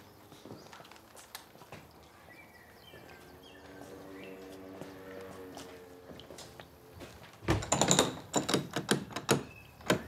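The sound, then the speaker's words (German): Sharp clicks and a drawn-out creak give way to a burst of loud thuds and rattling knocks as someone strains and bangs to force open a stiff old door. “Ja, das funktioniert nur bei alten Türen.”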